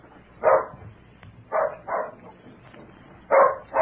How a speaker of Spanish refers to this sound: No. No deben ser ellos, porque el perro está ladrando como si fuera un desconocido.